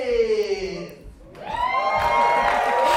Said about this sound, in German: Das Publikum klingt auf jeden Fall begeistert. Heute um 20 Uhr gibt es wieder eine Aufführung im Chamäleon-Theater am Hackeschen Markt in Berlin.